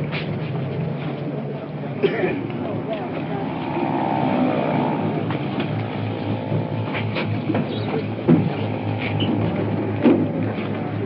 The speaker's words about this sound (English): That sounds like the ambulance right now. Let's hope there are Prince on that. Sounds like them rolling in now. Here they are. Here comes the ambulance rolling in.